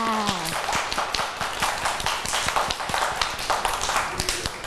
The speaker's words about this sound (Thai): เก่งมากค่ะเด็กๆปรบมือให้ตัวเองด้วยค่ะ